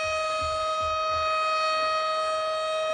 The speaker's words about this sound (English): It's this awful. Siren's killing me. It's awful.